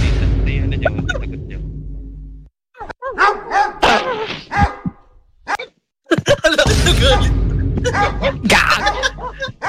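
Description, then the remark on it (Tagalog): A dog barks angrily in a run of sharp, repeated barks, loud, with a steady low rumble in the background and a brief quiet gap midway. “Nagagalit. Di naman yung aso”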